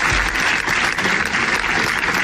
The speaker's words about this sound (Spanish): Es el sonoro aplauso que ha resonado esta mañana en las escalinatas de la Diputación Provincial de Zaragoza en recuerdo del bombero y del trabajador fallecidos ayer en un aparatoso incendio de un taller mecánico de Calatorao.